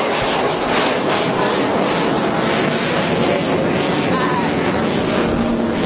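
A loud, steady roar of jet engine noise fills the whole recording, a dense rushing hiss that stays constant from start to finish.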